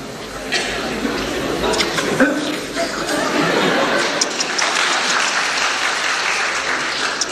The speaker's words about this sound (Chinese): 这里肯定有掌声。